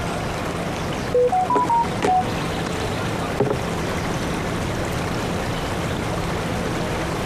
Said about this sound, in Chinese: 我是，不用理他，是他彩铃。啊？ 谁说是彩铃呢？